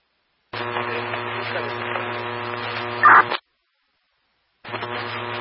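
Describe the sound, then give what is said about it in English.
A steady buzzing hum layered with radio static between radio transmissions fills the channel, cuts off abruptly into about a second of silence, then switches back on at the same level. No one speaks. “Zero traffic again, TILA volume and static.”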